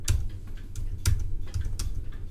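A handful of crisp, separate clicks of keys being pressed on a computer keyboard, spaced irregularly over a low steady hum, with no talking.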